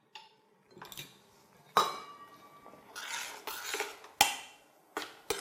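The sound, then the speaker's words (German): A spoon stirs ingredients together in a metal pot to mix them well, knocking against its sides with sharp, ringing clinks and scraping sounds in an uneven rhythm, moderately loud, with no voices. “Das wird jetzt alles gut vermischt.”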